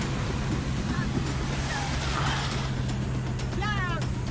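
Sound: water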